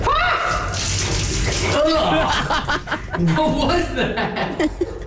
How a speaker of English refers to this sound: You can hear all the liquid.